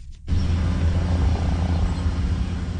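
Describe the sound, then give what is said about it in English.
A steady, loud low-frequency rumble of an OPP police helicopter circling overhead above the Binbrook Conservation Area in Hamilton in scorching heat during a search for a missing 7-year-old boy, its rotor drone continuous throughout with a faint pulsing texture and no voices. “In the scorching heat, an OPP helicopter circles above the Binbrook Conservation Area in Hamilton, while officers on the ground search for 7-year-old Nathaniel Salambi.”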